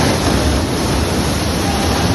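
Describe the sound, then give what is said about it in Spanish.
The huge cutting rings of a tunnel boring machine, digging the Metro Line 11 extension in Madrid toward the future Madrid Río station under Paseo de Yeserías, grind through earth in a loud, steady roar of dense noise with deep rumbling underneath, continuous, with no voices. “Bueno, esto que escuchas son los inmensos anillos de corte horadando el terreno.”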